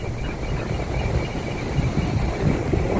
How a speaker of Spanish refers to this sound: Oye, que se ve lindo el mar en el video, amiga. Una sombra que viene en el agüita. Oye, qué rico el sonido del mar, me relajé.